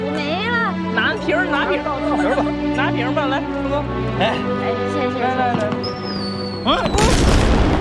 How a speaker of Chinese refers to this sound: 烟花绽放在天空，只需一瞬，工厂的轰鸣却已绵延数年。1997年的夏夜，果树银花映红了铁西城的大半天空，人们纷纷抬头仰望。